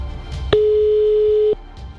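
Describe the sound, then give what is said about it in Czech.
A single steady telephone ringback tone sounds for about one second on an outgoing call dialed from a radio studio telephone, a clear, flat electronic hum heard over a quiet, faintly noisy background before fading back to silence. “Máme vytočeno a uvidíme, jestli se dovoláme tam, kam se dovolat máme.”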